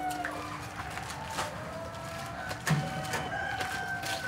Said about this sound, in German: Guck mal, da ist auch eine Henne, die so, ja, da ist auch zurückgewickelt, entwickelt.